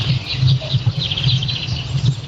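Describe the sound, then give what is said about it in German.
Morning birdsong recorded outdoors on Rügen by a radio listener, probably through a dirty phone case over the microphone: a steady overlapping chorus of high chirps and twitters over a constant low rumble, the whole recording sounding somewhat muffled. “Hier ein bisschen Morgenvögel-Sound eingefangen von Popnachtshörer Didi auf Rügen.”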